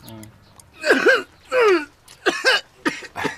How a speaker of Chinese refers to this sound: 哎哎哎，你老咳嗽什么呀？